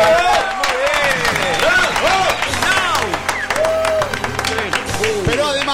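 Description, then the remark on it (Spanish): Steady, loud applause on a Cadena 3 broadcast fills the whole stretch, dense clapping mixed with excited shouts and cheers from a crowd, voices rising and falling over the continuous patter of hands. “Preparen los aplausos.”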